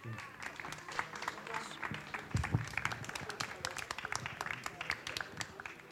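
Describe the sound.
An audience applauds steadily for several seconds, a dense patter of many hands clapping at even loudness, with a few louder claps and faint voices mixed in. The applause is for the board chairman of the Wartburg Radio Verein as he is called onto the stage.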